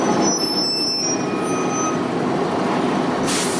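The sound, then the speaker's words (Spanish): A large city bus pulls into a stop with a bus shelter where passengers wait in the sun, rumbling with a steady low engine drone and some high whining tones, ending in a sharp hiss of air brakes releasing. “Este sonido no es tan frecuente en las marquesinas. Los usuarios del autobús esperan cansados al sol.”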